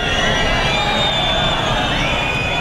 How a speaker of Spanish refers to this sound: Pitidos y abucheos durante el acto de jura de bandera en Baeza, en Jaén, después de que el ministro no acudiese al funeral de los dos agentes fallecidos.